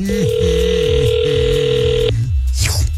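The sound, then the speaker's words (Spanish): A telephone line sounds: a steady, mid-pitched electronic tone holds for about two seconds over shifting lower tones, then cuts off abruptly into a brief hiss, as if a call is being placed. “Entonces, márcale, por favor.”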